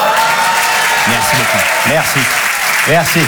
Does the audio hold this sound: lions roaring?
no